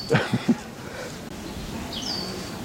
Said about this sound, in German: hört ein lautes Fiepen. Spannend. Ein exotischer Vogel. Faszinierend.